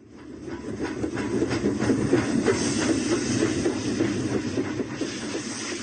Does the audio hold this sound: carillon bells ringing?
no